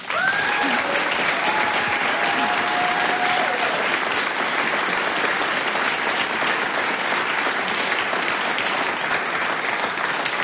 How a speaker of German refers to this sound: Eine besondere Ehre ist, dass Professor Volker Derschmidt heute unter uns ist, der Volksmusikforscher. Ich denke, das ist einmal ein Applaus wert.